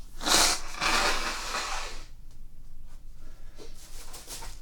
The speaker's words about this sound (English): And now I need to blow my nose.